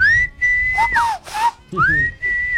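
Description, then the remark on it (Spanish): A man whistles a short signal call to his wife: a long steady high note that drops, a few quick chirps, then the long note again, loud with no talking. “Por ejemplo, mi esposo cuando quiere tener intimidad conmigo, yo estoy, por ejemplo, en la cocina y en la habitación y él silba.”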